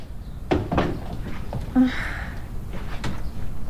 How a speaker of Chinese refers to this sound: 哎，你还关门啊？